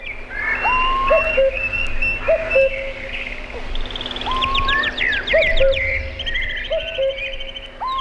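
A busy chorus of many birds singing and chirping at once, overlapping whistles, trills and rapid tweets filling the air continuously, some louder than others, with a low background hum.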